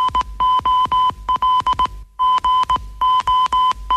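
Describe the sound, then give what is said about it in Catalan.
Morse code beeps spelling GOL, the goal signal of Carrusel Deportivo: a steady, loud electronic tone keyed into long and short pulses, the sequence playing twice in a row with no voices. “Que el més mític missatge amb codi Morse és aquest.”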